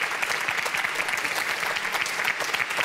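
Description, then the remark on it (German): Sustained applause from a large audience at the ZDF MoMa Café morning show, broadcast live from Berlin, a dense steady wash of many hands clapping at once, fairly loud and even throughout with no voices standing out. “Es könnte hören gar nicht mehr auf zu klatschen, wahrscheinlich auch wegen unseres musikalischen Gastes heute.”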